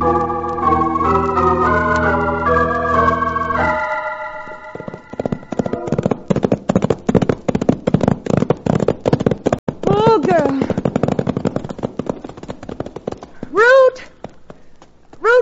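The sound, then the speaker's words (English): After a brief musical passage, horses' hooves clip-clop in a brisk, steady rhythm as riders head back to a ranch, with a couple of high whinnies breaking through near the end. “Put the horses away.”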